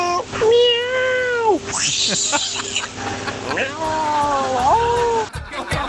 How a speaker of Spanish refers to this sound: Ahí está el gato, po.